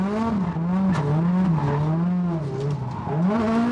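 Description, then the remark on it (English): A race car engine roars steadily on a race track in sunshine, its pitch rising and falling as the driver, new to the track, works the throttle through a curve, with no one talking. “Just dialing in the line, getting used to the car. New to the track as well.”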